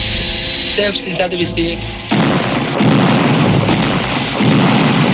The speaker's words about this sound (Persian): صدای انفجارهای متعددی که دقایقی قبل در فرودگاه مهرآباد روی داد در اکثر مناطق شهر تهران شنیده می شود. مردم سردرگم و حیران علت انفجارها را از یکدیگر جویا می شوند.